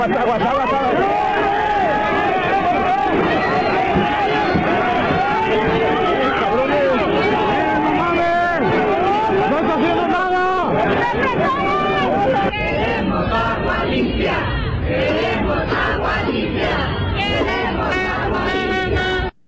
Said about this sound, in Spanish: Sí, escuchamos bien, ¿eh? Una protesta que ocurre en Guadalajara y zona metropolitana. La gente fue a gritar por agua limpia, y es que hay que recordar que llevan todo el año con agua sucia, con agua con larvas, con gusanos, maloliente.